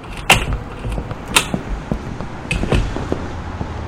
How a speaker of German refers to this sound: Die Tür ist offen.